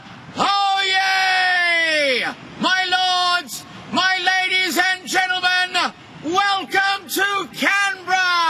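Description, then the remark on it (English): An Australian man, a town crier, bellows a loud, drawn-out call: one long opening cry followed by a string of shorter, forceful shouted phrases, booming, with brief pauses between them. “That's him in his role as town crier of Canberra.”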